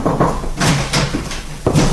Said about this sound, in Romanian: Aud bătăi în ușă. Du-te, poate e un om al pârcălabului.